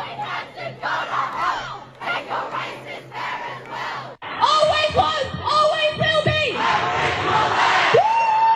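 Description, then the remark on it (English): Hundreds of protesting students shout at a rally against One Nation on the town hall steps in Sydney, a dense crowd of overlapping voices that swells midway into louder, sustained yells and chanting cries, steady and unbroken throughout. “Students across the country have rallied together in a protest against One Nation.”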